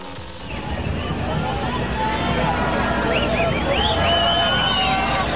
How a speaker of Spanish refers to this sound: La jefa de gobierno, Clara Brugada, fue recibida con abucheos antes de que se iniciara formalmente el desfile. Este fue el momento.